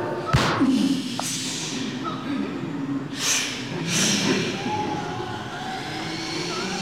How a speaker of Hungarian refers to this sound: Eltűntek. A lövés elintézte őket. Csak valami kis vadállatok voltak. Az anyja istenit elárultad magad a lövéssel.